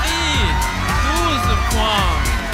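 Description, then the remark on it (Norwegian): The Bulgarian delegation in the Green Room cheers and whoops excitedly after Australia awards Bulgaria 12 points in the voting, with overlapping high-pitched shouts and rising yells over a constant crowd roar, loud and sustained throughout. “Altså, de feirer jo som om de har vunnet allerede.”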